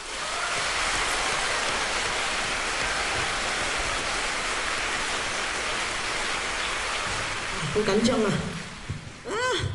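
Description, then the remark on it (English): An audience applauds the teachers at a Hong Kong school choir competition in a dense, steady wash of clapping that holds loudly for about eight seconds, then thins as a voice begins speaking over the tail end. “And I think for that, we have to give your teachers a round of applause.”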